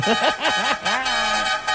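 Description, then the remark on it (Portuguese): A voice mimics a car horn: several quick, wavering honks followed by one long sustained honk, loud with no other sounds behind it. “Chama na buzina aí, pelo amor de Deus, chama.”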